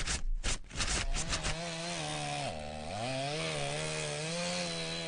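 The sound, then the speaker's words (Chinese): Loud chainsaw that opens with a few rough, sputtering bursts, then settles into a steady buzzing whine that briefly sags in pitch as it bites through wood. “每次抽纸的背后，都有电锯和大树倒下的声音。”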